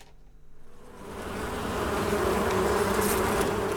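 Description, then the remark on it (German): A dense, steady drone of tens of thousands of honeybees buzzing around several beehives hidden among trees and bushes near the botanical garden of Heine University, swelling from quieter to a full, continuous hum within the first two seconds and holding there, with no voices. “In der Nähe des Botanischen Gartens stehen versteckt zwischen Bäumen und Büschen mehrere Bienenstöcke. Dort wimmelt es nur so von zehntausenden Bienen.”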